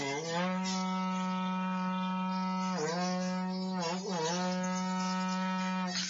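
A berrante cattle horn blown in one long, loud, droning note lasting about six seconds, its pitch briefly dipping and wavering twice before holding steady again, with no talking.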